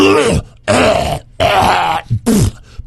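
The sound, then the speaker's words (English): A voice imitates a man loudly clearing his throat: three strong, gravelly bursts separated by brief pauses, then a shorter final rasp, all forceful. “Clearing his throat super loud.”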